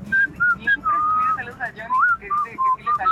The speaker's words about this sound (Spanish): mándenme su silbido del Goose Club